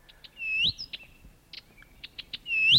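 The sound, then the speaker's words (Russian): A Blyth's reed warbler sings a varied, rhythmic phrase of sharp chips, buzzy notes and bright rising whistles, clear against a quiet background with no talking. “Также удалось записать и песню садовой камышовки.”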